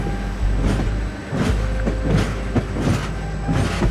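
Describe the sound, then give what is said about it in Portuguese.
The Lusitânia Expresso passenger train from Lisbon to Madrid rolls steadily along the rails, its deep constant rumble punctuated by rhythmic clacks from the wheels hitting track joints. “senta-se no Lusitânia Expresso, o comboio que a vai levar de Lisboa até Madrid, para depois seguir de avião para Havana.”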